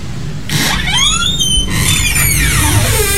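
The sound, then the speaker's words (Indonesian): A person lets out two long, loud, frustrated screams back to back, the pitch sliding up and down in wavering, strained wails, with no talking. “jangan teriak-teriak.”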